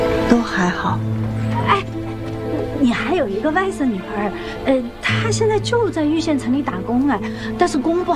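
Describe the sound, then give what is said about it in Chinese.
A dog barks and yips in short, repeated bursts while a person scolds it, mixed in with people talking and a steady tonal drone underneath. “天天叫叫烦不烦？”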